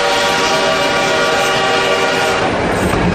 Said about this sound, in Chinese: 火车来了，这是杭州到嘉兴铁路开通的第一天。此刻，不知蒸汽机车的轰鸣给这个男孩带来了多大的震撼。